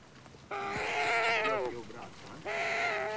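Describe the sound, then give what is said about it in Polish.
A captive bird gives loud, dinosaur-like calls as food is brought to it: a long, wavering, bleat-like cry that slides downward in pitch, then a second similar call begins after a short pause. “Nie, ona jak się niesie jedzenie do nich, to właśnie takie odgłosy wydają. Takie dinozaurowe, bym powiedziała.”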